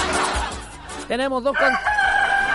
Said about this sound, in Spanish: ¡Mira, se despertó el Claudio! Yo pensé que este gallo ya no iba a cantar más, mira cómo es. Oye, pero que... Y canta... Y canta hasta bonito la cara.